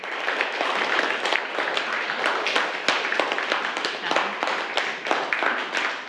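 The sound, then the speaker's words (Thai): A group of schoolchildren applauds together to thank their teacher for a video lesson, a dense, steady patter of many small hands clapping at once, fairly loud and sustained for several seconds with no talking over it. “ขอบคุณสื่อวินิทัศน์ดีๆนะคะปรบมือให้แสดงการขอบคุณด้วยค่ะลูก”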